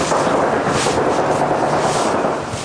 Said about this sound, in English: Some gunfire in the background.